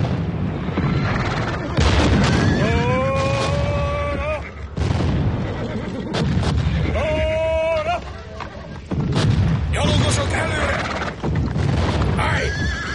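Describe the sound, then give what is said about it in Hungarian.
A loud battle scene with French dragoons attacking a flank: several horses whinny in high, wavering cries over a dense rumble, while heavy cannon booms burst through at intervals and hooves clatter underneath. “Oldalba kapják őket a francia dragonyosok!”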